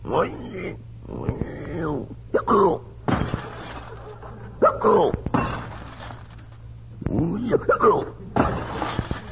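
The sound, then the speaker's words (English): Several loud bursts of cabin window glass shattering crash out one after another, with excited voices and strained vocal sounds between and over the breaks. “Put your hand over his mouth before he breaks every window in the cabin.”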